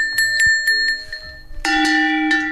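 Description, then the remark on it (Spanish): Small replica cowbells of various sizes, reproductions of the bells worn by livestock, ring in a quick series of clanging strikes, first a brighter, higher-pitched bell several times, then a louder, lower bell with a fuller metallic tone ringing on. “por aquí tenemos unos cencerritos, que son reproducciones de los cencerros que llevarían normalmente el ganado”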